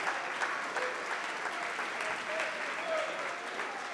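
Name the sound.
audience clapping hands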